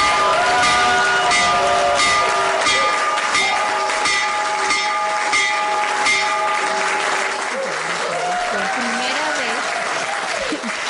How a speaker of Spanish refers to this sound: Es la primera vez que se toca la campana desde la oficina Oval.